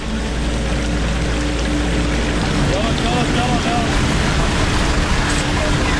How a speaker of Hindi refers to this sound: पानी का बहाव बहुत ज़्यादा तेज है कि कहीं गाड़ी बह ना जाए